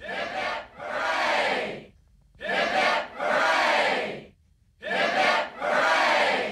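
A crowd on the Cars and Guitars radio show gives three cheers for Captain Cook, three loud, evenly spaced cheers, each a short shout followed by a long, roaring "hooray," with brief silent pauses in between.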